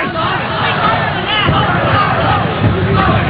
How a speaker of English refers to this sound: This Orlando crowd cheering on the hometown Apollo.